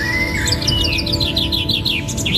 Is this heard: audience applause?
no